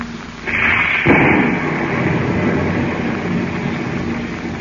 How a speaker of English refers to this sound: You were not aware that each moment also carried you closer to the center of a heavy storm that thundered over the vast Pacific. Yes, soon even the plane's pilots became concerned with the tempest that raged around them.